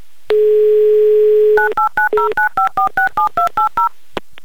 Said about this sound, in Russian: Так. Номер набран. Гудки имеются. 30 секунд у нас, чтобы послушать гудки и дождаться ответа.